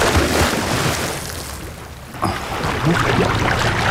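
A sudden loud splash as someone jumps from an anchored boat into the open sea, followed by churning, bubbling water over a steady wash of sea and wave noise.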